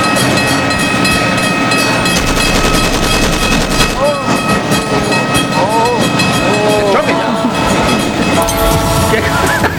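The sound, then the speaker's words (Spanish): A loud, continuous train sound effect, played as a 'clash of trains' bout in El Carmen is announced, with heavy rumbling rail noise and clatter, broken by brief squealing, bending metallic tones midway through, sustained at full intensity from start to finish. “Señoras y señores, choque de trenes en el Carmen.”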